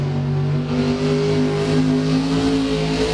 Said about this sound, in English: Truck and tractor pulls.